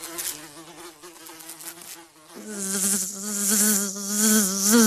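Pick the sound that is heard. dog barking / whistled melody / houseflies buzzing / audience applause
houseflies buzzing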